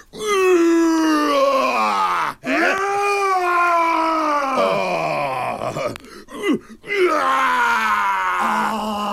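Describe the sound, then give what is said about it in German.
A person voices a long, loud, drawn-out roar with rich harmonics, rising then sagging in pitch, broken by brief breaths, then a second sustained roaring growl follows. “Das ist ein schönes Brüllen.”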